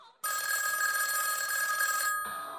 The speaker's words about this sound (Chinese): 哎，我去外屋接电话，你先睡吧。